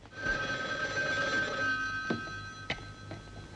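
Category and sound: signal or alarm, telephone ringing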